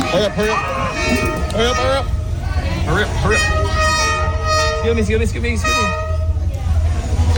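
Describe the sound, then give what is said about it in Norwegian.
A train horn toots in loud, sustained blasts with a bright, brassy ring on Train Street in Hanoi, Vietnam, while people talk and street noise rumbles steadily underneath. “Bare tenk å bo der med den tutinga på alle togene.”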